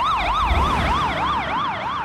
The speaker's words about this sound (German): Genau, das ist so ähnlich, wie wenn man sich auf so eine Schallquelle zubewegt und der Ton dann anders klingt. Ah, wenn so eine Sirene an einem vorbei, Doppler-Effekt.